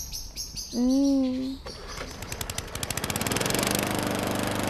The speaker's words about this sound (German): Oh nein, was soll das denn jetzt? Immer diese Rasenmäher, die machen einfach nur Lärm.